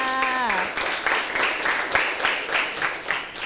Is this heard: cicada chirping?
no